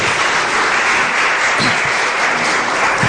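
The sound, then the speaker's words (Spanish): An audience gives a loud round of applause to Jesus: steady, dense overlapping clapping that stays loud and even for about three seconds with no voices over it. “Denle ese fuerte aplauso a Jesús.”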